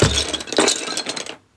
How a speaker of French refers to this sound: Le canard fait tout tomber sur son passage. Les livres. Les jeux de construction.